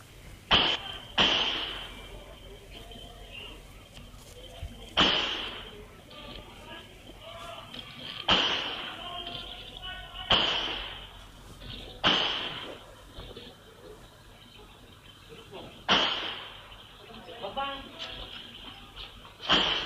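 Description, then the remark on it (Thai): About eight sharp gunshots, recorded by CCTV at 6:47 at a house in Moo 2, Lahan subdistrict, Bang Bua Thong district, Nonthaburi, Thailand, crack out at irregular intervals, loud and echoing, with muffled voices and shouting between the shots. “เสียงปืนเนี่ยดังขึ้นหลายนัดเลยนะคุณผู้ชมภาพจากกล้องวงจรปิดช่วงเวลา 6:47 ของเมื่อวานนี้เนี่ยบันทึกภาพเหตุการณ์เสียงปืนดังขึ้นหลายนัดนะครับเหตุการณ์นี้เกิดขึ้นที่บ้านหลังหนึ่งในชุมชนหมู่2ตำบลละหานอำเภอบางบัวทองจังหวัดนนทบุรี”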